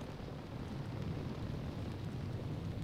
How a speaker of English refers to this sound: And I do like to play some rain sounds when it's a bit rainy outside.